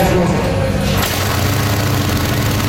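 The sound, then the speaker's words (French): Motorcycle engines roar past on a street in Cleveland, Estrie, Quebec, during the Festival de la moto du Québec, loud, with a steady throaty rumble that shifts in pitch as one bike passes and another follows. “En cette longue fin de semaine, bon nombre de deux roues filent dans les rues bucoliques de Cleveland en Estrie.”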